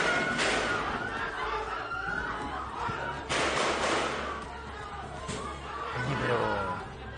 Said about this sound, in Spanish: precisamente algunos momentos que se vivió durante este día y los disparos que se escuchaban en el Senado de Filipinas ante este intento de arresto.